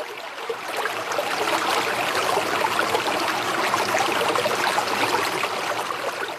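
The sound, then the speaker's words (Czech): Steady rushing and babbling of flowing river water, fairly loud, as a boat's rope is thrown off from the bank and the boat sets off onto the open river, continuing evenly for several seconds with no voices. “Děti, držte se, házím koňadru od břehu, tedy lano, a vyrážíme na otevřenou řeku.”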